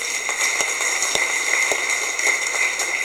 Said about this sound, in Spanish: ¿Quieren dar aplausos, hermanos?